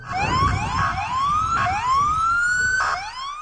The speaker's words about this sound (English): Sirens as police officers and other law enforcement converge amid reports of multiple shots fired near the White House this evening.